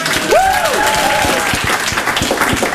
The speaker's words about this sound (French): Donc je voudrais qu'on applaudisse tous René